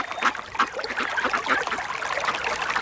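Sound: river water flowing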